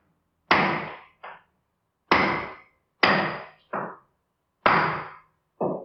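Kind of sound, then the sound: tool, hammer hammering nails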